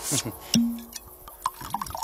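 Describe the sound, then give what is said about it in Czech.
Tokaji wine from the imperial cellars is poured into a glass: a light clink, then a short gurgling trickle with a few drips, fairly quiet, with a faint voice at the very start. “Právě se nalévá.”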